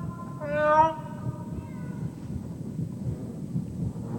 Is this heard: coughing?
no